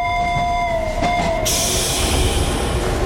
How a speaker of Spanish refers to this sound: El tranvía musical se encuentra en la vía 5 y se dispone a salir en breves segundos. Se anuncia a todos los pasajeros, se conecten a su frecuencia para comenzar el viaje.